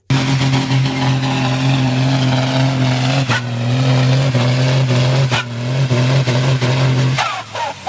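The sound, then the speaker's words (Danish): A tractor's heavy engine roars loudly and steadily for several seconds during a tractor pulling contest at Roskilde Dyrskue, Denmark, its deep droning pitch shifting slightly as it revs under load, then cuts off abruptly near the end. “Ja, det her, det er så, ja, selvfølgelig lyden af en traktor, det er traktortræk.”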